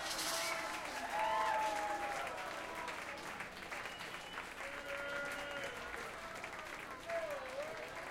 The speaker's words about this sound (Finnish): Vielä vähän voi taputtaa kyllä mun puolesta ainakin.